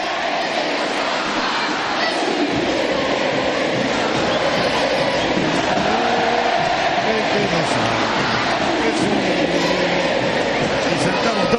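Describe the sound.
A huge stadium crowd at the Monumental roars a football chant after the national anthem at an Argentina friendly match, thousands of voices blending into a dense, steady wall of sound that stays loud and unbroken throughout.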